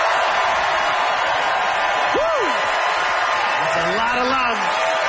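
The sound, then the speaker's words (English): A debate audience bursts into loud, sustained applause and cheering, voting by applause for the side arguing that dipping sauce is awesome; whoops and shouts rise over a dense wash of clapping that fills the whole stretch. “Audience, it is up to you to decide by applause who agreed with”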